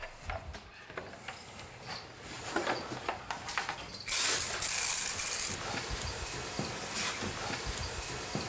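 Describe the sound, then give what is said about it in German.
A fine mist of hot water sprays out in a loud, steady hiss lasting just over a second, surrounded by scattered clicks and soft mechanical rattling; the water is sprayed onto iguanas to raise the air humidity. “Also wir sprühen die Tiere damit ein, deswegen ist das Wasser auch heiß.”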